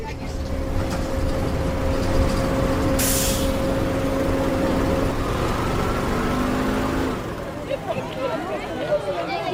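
A bus engine drones steadily, and a short, sharp air-brake hiss bursts out partway through. Indistinct chatter runs underneath, and the engine hum drops away near the end.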